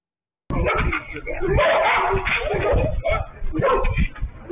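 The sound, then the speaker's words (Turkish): A pack of stray dogs roaming in Sarıyer barks in a dense, overlapping clamour that runs without pause, loud, with muffled voices and street noise mixed underneath. “Sarıyer'de sürü halinde dolaşan köpeklerin vatandaşlara saldırdığı ve bazı kişileri ısırdığı öne sürüldü.”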